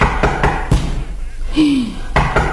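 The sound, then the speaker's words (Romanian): Three sharp knocks on a door, a short pause with a brief vocal sound, then two more knocks, all fairly loud. “E cineva la ușă, stai să vedem să văd.”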